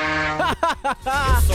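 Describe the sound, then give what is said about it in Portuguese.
A truck horn sounds as the truck passes Boituva, starting with a steady blast, then three short bending honks, and ending in a wavering tone over low engine rumble. “Escuta o barulho aí, eu vou buzinar pra você, seu trouxa.”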